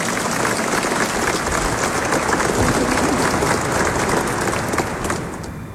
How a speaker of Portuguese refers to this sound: Também nós temos padres que estão acompanhando e o nosso arcebispo metropolitano, Dom Mário Antônio, acolhendo a todos nós com uma salva de palmas.